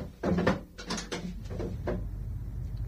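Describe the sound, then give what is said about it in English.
A door is unlatched and pulled open, with a cluster of rattling clicks and knocks followed by a few softer thuds as it swings. “Open this door. Do you want me to break it down? Wait, I'm coming.”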